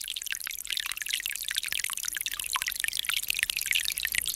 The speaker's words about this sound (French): Aujourd'hui, on peut dire que c'est une bonne petite pluie, parce qu'elle pénètre tranquille dans la terre.